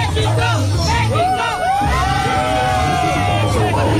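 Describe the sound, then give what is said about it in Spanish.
A large crowd of Mexican football fans loudly chants "México" over and over at a World Cup event after Mexico won 2-0. Voices rise and fall together in a dense, continuous roar with scattered whoops and yells. “Bueno, México, México, México, es lo que gritan acá los hinchas mexicanos.”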